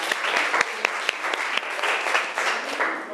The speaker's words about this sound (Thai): ขอเสียงปรบมือดังๆให้ตัวแทนจากกลุ่มที่สาม